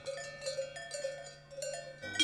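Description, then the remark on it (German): Cows' bells clank and jingle steadily across the Meglisalp alpine pasture in Appenzellerland in summer, around the small chapel Maria zum Schnee; several bells overlap in irregular metallic strokes with a sustained ringing tone, at a moderate level with no voices. “Überall stehen Kühe rum und den ganzen Tag hört man das Glockengeläut rund um die kleine Kapelle Maria zum Schnee.”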